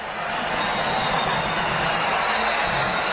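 A dense, steady roar of thousands of people at La Tomatina, the tomato-throwing street festival in the Spanish village of Buñol on the last Wednesday of August, many voices blending into continuous loud noise for the whole stretch, with no single voice standing out.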